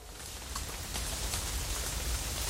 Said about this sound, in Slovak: Čuj, už len toto mi chýbalo. Nestačí, že už je tmáko v rohu, ešte aj liať začalo. Krúpy padajú veľké ako moja pesť.